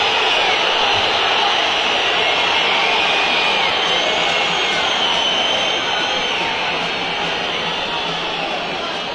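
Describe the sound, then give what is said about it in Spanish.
A huge stadium crowd whistles in disapproval at River after a loss, as the team heads into the tunnel. It is a dense, shrill wall of whistles and roaring voices that stays loud and unbroken for the whole stretch, with no one talking over it. “Es verdad que hoy el partido de River, cuando escuchamos esa lluvia de silbido, mejor hago silencio, que hable la gente.”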